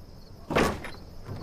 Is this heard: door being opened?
yes